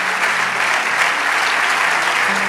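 An audience claps steadily and loudly, a dense continuous wash of many hands applauding together with no talking over it, sustained evenly through the whole stretch.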